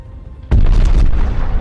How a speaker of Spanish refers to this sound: Una enorme explosión atraviesa la parte inferior de la base aérea.